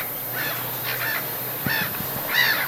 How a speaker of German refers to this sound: Ich habe ein paar Möwen mitgebracht, hör mal.